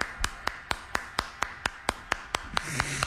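Steady hand clapping, about a dozen sharp, crisp claps in an even, quick rhythm, with no voices over them and a faint low hum in the background.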